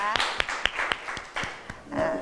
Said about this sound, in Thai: เอาปรบมือดังๆให้กลุ่มที่1ก่อนนะคะ